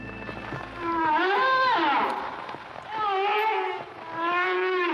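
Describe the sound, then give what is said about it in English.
A whale's long, moaning calls, three of them in a row, each swooping up and down in pitch with rich, wavering overtones, loud and separated by brief pauses. “I'm not sure if that's a teenager or a whale, but it is whale watching season.”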